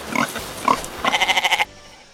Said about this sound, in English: I think our sheep on that sounder are making the sheep back here agitated. Well, they're baying at each other anyhow. We are at the Lorain County Fair. We're back near the Ross Expo building.